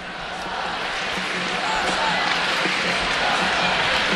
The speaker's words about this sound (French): Les applaudissements du public.